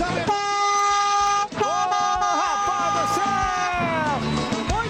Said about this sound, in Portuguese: Isso aí, acabou o nosso buzinaço. Obrigado a todo mundo que buzinou, brincou com a gente na nossa madrugada.